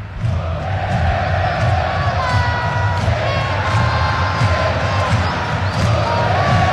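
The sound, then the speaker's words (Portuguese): A large stadium crowd of football fans roars and chants the player's name Vitor Hugo, a dense, continuous wall of voices with rhythmic shouted pulses rising through it, loud and sustained throughout. “Ah, a é torcida verdade. Grita Vitor Hugo pros dois.”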